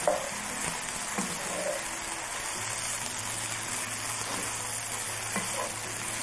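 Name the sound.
mushrooms sizzling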